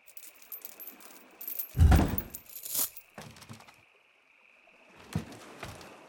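A metal chain rattles and clanks while a heavy cement block thuds down, followed by a few more scattered clinks and scrapes as the cement block and chain are loaded into a boat, with no voices.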